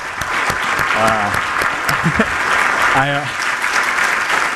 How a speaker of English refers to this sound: And to that end, I want to thank the Land Bank staff. And if you're a member of the Land Bank staff, you could please put your hand up. I'll put you guys on the spot. If we could just get a round of applause.